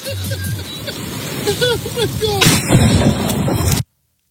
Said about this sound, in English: He survived? Yeah, the lightning bolt hit his arm and knocked him to the ground.